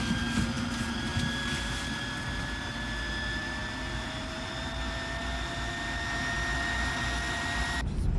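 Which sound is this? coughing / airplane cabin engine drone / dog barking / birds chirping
airplane cabin engine drone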